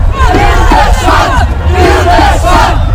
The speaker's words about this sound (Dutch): En de Wilde Zwan schreeuwt nu hard. Harder! Harder!